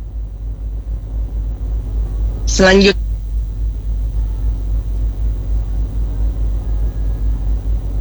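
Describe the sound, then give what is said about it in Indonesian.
A steady low rumble of light road traffic carries on throughout, with vehicles passing; the traffic flow in the area is fairly quiet. A voice speaks one brief word early on over the traffic. “kita saksikan bersama situasi arus lalu lintas di kawasan ini terpantau cukup lengang, namun tetap kami himbau bagi Anda agar selalu berhati-hati, jaga fokus kendaraan Anda serta kurangi kecepatan Anda di kawasan ini.”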